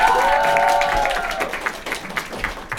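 A room full of people breaks into steady applause, dense clapping that rolls on for a few seconds, with a brief sustained tone rising over it at the start before the clapping thins out.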